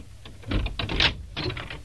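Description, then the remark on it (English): A door lock being worked open on the door to a treasure house: a quick run of sharp metallic clicks and rattles, fairly loud, like a key turning and a bolt sliding back. “Lackey, unlock the door to my treasure house.”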